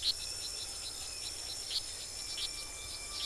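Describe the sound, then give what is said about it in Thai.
Small frogs calling for mates in a Costa Rican rainforest, sharp high chirps repeating at irregular intervals over a steady, humid hum of insects and ambient noise. No one speaks. “ในปากของประเทศคอสตาริกาเต็มไปด้วยกบที่กำลังร้องหาคู่”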